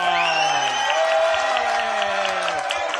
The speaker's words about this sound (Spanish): ¡Pon un aplauso!